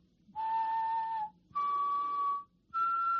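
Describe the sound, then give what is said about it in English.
Three sustained whistled notes forming a simple major triad, whistled into a microphone for a song website's Zapiskej a hledej (whistle and find) melody search, each about a second long and stepping upward in pitch with short pauses between, clear with no talking. “And you just need to activate your microphone and you can whistle like...”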